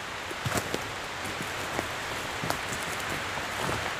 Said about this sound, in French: Quelques pas, on va sortir de la sapinière et rejoindre la piste sous la pluie. Ah, c'est un peu délicat pour les microphones, mais on a tout prévu.